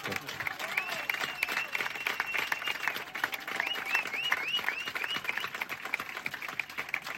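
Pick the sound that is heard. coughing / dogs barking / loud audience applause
loud audience applause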